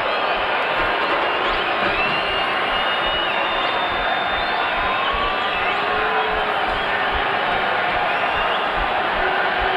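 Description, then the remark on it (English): A large stadium crowd at an LAFC soccer match roars steadily with no letup as Jimenez is made to exit the pitch, a dense wall of voices with whistles and jeers cutting through, sounding displeased. “Now the crowd's still not liking it.”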